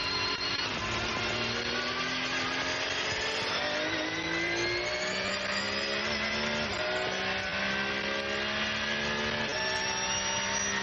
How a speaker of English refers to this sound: Listening to that Porsche engine purring across the line.